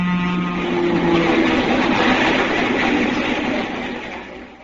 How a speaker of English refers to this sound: As I ran out from under the bridge, I saw a train approaching, bound for New York. As it came abreast of me, I leapt onto it through the open door!